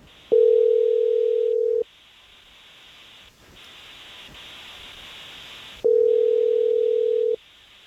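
A phone line rings out as a live radio morning show, the Jesse James Morning Show, places a call: two long, steady electronic ringing tones separated by a few seconds of quiet line hiss, fairly loud, with no one speaking.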